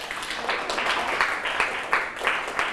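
A group of students clapping steadily together in class for a classmate who has just answered a question about safe food, a dense patter of applause with a few louder accented claps, lasting a few seconds with no one speaking over it.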